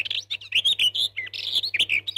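Busy birdsong with rapid, bright chirps and trills tumbling over one another continuously, clear, with a faint low hum underneath and no voices.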